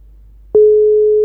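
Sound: telephone line tone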